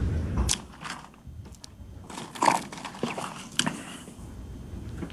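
A quiet sip from a drink, with a few sharp clicks and crunchy rattles of ice shaking in the drink scattered over about five seconds and no one talking.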